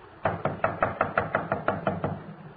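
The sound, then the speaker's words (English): Police officers knock rapidly and steadily on a front door, about ten firm raps in quick succession with a hollow, woody tone and no voices. “Come on, open up in there. We know you're in there.”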